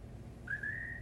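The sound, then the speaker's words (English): A single thin, high whistled bird call at night rises slightly, then holds a steady, sustained pitch for about half a second over a low, quiet background hum. “Remember when I used to say that bird was the lonesomest sound I'd ever heard?”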